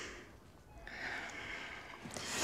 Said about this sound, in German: Na, bitte tief ein und aus.